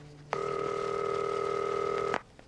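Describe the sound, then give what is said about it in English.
A telephone rings once, a steady electronic tone with a buzzy edge lasting nearly two seconds, fairly loud, then cutting off into quiet hiss. “Oh, I'm really glad you answered the phone.”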